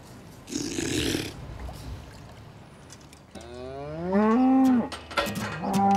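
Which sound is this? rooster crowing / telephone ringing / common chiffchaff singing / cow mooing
cow mooing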